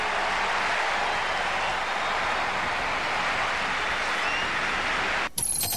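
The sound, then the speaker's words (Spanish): A huge stadium crowd roars and applauds in an ovation for Messi as he says goodbye to the national team, a dense, unbroken wash of cheering and clapping that stays loud and steady before cutting off abruptly near the end. “La ovación y la emoción para Messi.”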